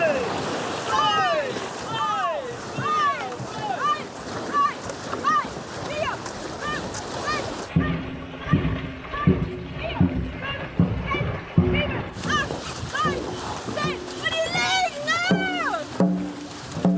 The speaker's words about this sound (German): Paddeln. Paddeln ins Wasser? Sehr gut. Attention. Go!